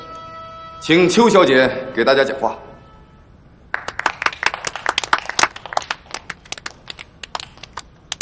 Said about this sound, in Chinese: 从大家的掌声里，我听出来，你们不太欢迎我。这也难怪，你们对我都还不太了解。